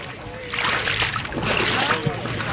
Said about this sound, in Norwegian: Ja, vi hører deilig skvulping og greier. Ah, det altså mitt første vassebad i år, og det nydelig. Altså, jeg på stranda, bystranda i Notodden.